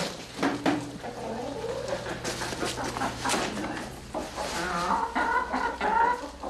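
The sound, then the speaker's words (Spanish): Seven hens cluck and squawk in a busy, overlapping chorus, with scattered sharp calls and a steady low hum underneath. “Quedan 7 gallinas.”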